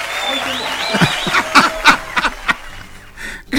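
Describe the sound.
A short round of scattered applause, called for as a big, affectionate applause for a group of people: a handful of sharp, irregular handclaps rise over faint murmuring voices and a steady tone, then thin out before a brief final flurry.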